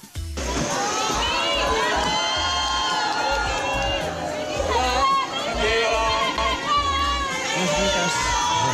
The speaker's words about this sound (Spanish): Gritos que tanto me gustan de este Cinemaldia.